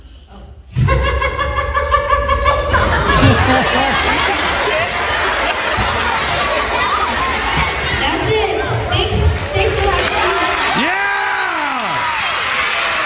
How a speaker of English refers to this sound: Oh, he had to cover his ears because the applause was so loud.